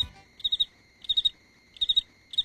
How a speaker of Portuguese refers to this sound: Aqui também eu tenho uns grilos de casa. Aqui eu tenho uns grilos que eu trago de casa, ó. Escuta só meus grilinhos, ó.